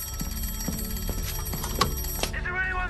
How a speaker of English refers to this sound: one ring for something to the left, two rings for something to the right, but if the bird was dead ahead, as in this case, they had to give three sharp rings of the bell, and that is the sign that something is coming straight towards them.